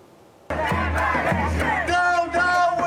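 A large crowd of hundreds at a rally in support of Palestine in Berlin chants loudly in unison against Israel and German armed support while marching from Neukölln to the town hall. Voices rise and fall in rhythmic shouted phrases after a sudden start, with dense overlapping cries sustaining throughout.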